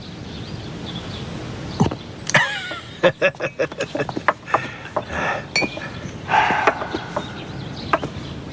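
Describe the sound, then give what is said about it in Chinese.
A flurry of cups clinking together in a toast at a celebration, a dozen or so quick, sharp taps spread over a few seconds, with a murmur of voices around them. “来，干杯！ 干！”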